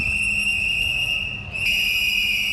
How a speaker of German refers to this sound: Eine Gruppe mit Pfeifen und Transparenten protestiert vor dem Wiener Aktionismusmuseum.